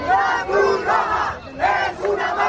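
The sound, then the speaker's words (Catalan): A crowd of protesters at Trampolín beach shouts the slogan "la Cruz Roja es una mafia" (the Red Cross is a mafia) together in loud, rhythmic bursts, voices rising and falling in repeated chant-like waves with no break in the noise. “A crits de la Cruz Roja és una màfia.”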